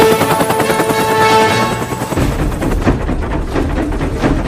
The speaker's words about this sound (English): The helicopter narrowly avoids hitting the mountainsides.